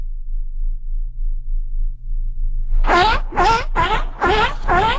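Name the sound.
person imitating a giraffe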